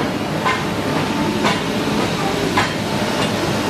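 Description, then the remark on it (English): A small train engine chugs into Metupalayam with a steady rumble, broken by a few regular bursts of puffing steam roughly a second apart; no voices. “And eventually, the little engine that could finally huffs and puffs into Metupalayam.”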